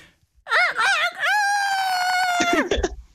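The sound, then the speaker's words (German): A man's voice imitates a rooster's crow: a few wavering, rising notes, then one long, loud, strained held tone that breaks off with a short rough tail. “Wenn ich keinen Hahn habe, darf ich auch selbst krähen?”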